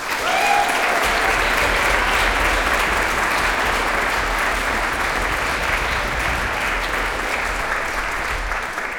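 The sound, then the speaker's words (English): Sustained audience applause at a concert for the musicians, a dense wash of many hands clapping at steady volume for several seconds, with a faint whistle or cheer near the start. “So a big please applaud for ….”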